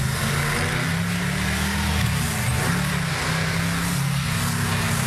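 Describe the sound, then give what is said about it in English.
A car engine drones steadily, its pitch rising and dipping in a few revs over a constant loud hum, with no voices present. “You bloody hoon! Is that you in the car”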